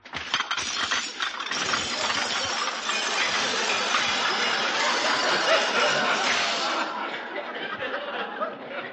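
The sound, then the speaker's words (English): A dense, continuous clatter of dishes being broken by a new dishwashing machine: glass and crockery shattering and clinking nonstop for about seven seconds, loud and bright, then tapering off into scattered tinkles. “I don't see why it should break the dishes.”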